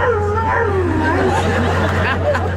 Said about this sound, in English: Is that a commentary on how bad the singing is? He just goes on and on howling. It's adorable.